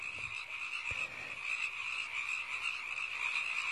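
A dense chorus of frogs croaking continuously, a steady high trilling drone with a faint low thump near the start, moderately loud and without any talking.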